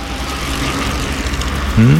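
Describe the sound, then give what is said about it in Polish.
A bicycle rolls along a road, its tyres giving a steady, even whooshing hiss over a low rumble. A brief rising tone cuts in at the very end. “To chyba kolażówka była, panie. Szum opon na drodze albo w lesie. Rower.”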